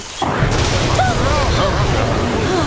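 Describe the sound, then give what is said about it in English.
A sudden, loud clap of thunder from a close lightning strike in a tropical rainforest bursts in and rolls into a sustained, heavy rumble lasting several seconds, with faint shouting voices rising over the noise; the lightning starts a fire. “That sounded close. It certainly did. Fire! It must have been the lightning.”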